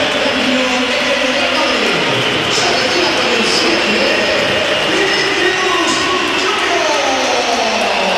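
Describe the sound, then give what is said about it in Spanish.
A huge stadium crowd at a Real Madrid match whistles and jeers as Vinicius is substituted off in the 86th minute, a loud, unbroken roar with shrill whistles rising and falling above the dense wash of noise for the whole stretch. “A ver, hay que oír. Alto, Miguel. Hay que oír. Bella pitada.”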